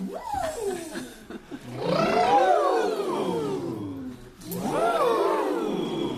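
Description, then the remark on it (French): Voices imitate elephants trumpeting: a short call, then two long, loud, rising-and-falling blasts that swoop up and trail off, clear with nothing else in the background. “Et ce matin, j'ai croisé un troupeau d'éléphants.”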